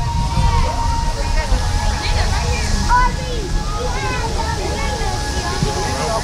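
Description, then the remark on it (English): Many overlapping voices of families and groups of friends chatter at once in a steady, unbroken crowd murmur, with no single voice standing out, over a low rumble and a faint, constant high-pitched tone, gathered at night by the river in Wichita to watch the ring of fire at the Keeper of the Plains. “Some groups chatter, but others watch silently.”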